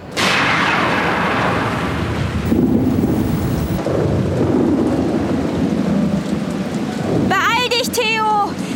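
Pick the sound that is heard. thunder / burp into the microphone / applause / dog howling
thunder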